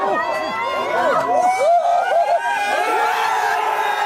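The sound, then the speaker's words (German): A few dozen Belgian football fans at a pop-up public viewing near the cathedral in central Brussels, at 2 a.m., erupt in loud, relieved cheering after Charles de Ketelaar's 1:0 goal in the 9th minute: many overlapping voices shouting and whooping together, a dense, continuous roar that holds steady for several seconds. “Jubel der Erleichterung.”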